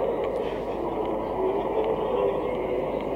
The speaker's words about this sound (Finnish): Siellä jo Romanian kulkukoirat haukkuu, jos tarkkaan kuuntelitte. Tässä se juna just taitaa lähteekin.